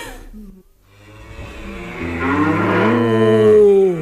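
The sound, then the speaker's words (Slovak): Cows low loudly, a short moo followed by a long, swelling bellow as several deep, drawn-out calls overlap and build before tapering off. “My, kravské obyvateľstvo zvieracej farmy, vyjadrujeme týmto pobúrenie”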